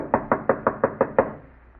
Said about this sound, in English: Where's that blasted bell? Oh, it was out of order when I was here. I had to knock.